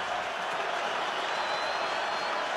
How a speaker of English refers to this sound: Nissan Stadium yelling at C.J. Stroud and the Houston Texans. Titans 3, Texans nothing.